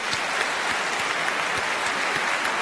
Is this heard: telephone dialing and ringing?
no